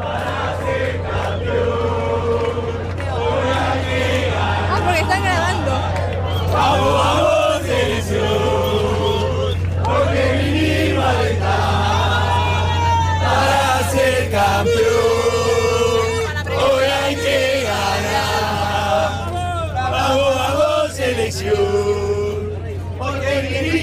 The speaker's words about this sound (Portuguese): Então, impressionante, né, como a torcida argentina faz barulho, né? A gente vai até mostrar um pouco lá como a torcida argentina já está fazendo barulho horas antes do jogo aqui em Dallas.